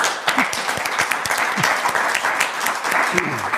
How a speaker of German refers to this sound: Erstmal Ihr Applaus.